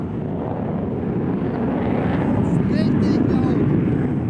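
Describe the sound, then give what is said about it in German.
Fighter jets take off all around during the largest air force exercise in the Indo-Pacific, a loud, continuous rush of engine noise that swells slightly partway through, with a faint rising whine over the heavy rumble. “Um uns herum starten immer wieder Kampfjets.”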